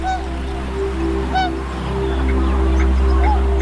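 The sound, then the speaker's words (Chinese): Tundra swans give a few scattered honking calls on Wuliangsuhai, a freshwater lake wetland in the Yellow River basin, in early spring as the ice melts; short hoarse notes spaced irregularly over a steady low outdoor rumble, with no voices. “对小天鹅和其他候鸟来说，水面开阔、食物充足的五梁宿海是旅途中难得的驿站。”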